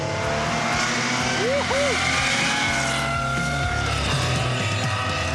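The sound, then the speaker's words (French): A powerful Porsche flat-six engine roars at steady high volume, with a couple of quick rising-and-falling rev blips partway through and layered harmonic tones throughout. “Là, t'as vraiment réussi à sublimer le son du flat 6 quoi.”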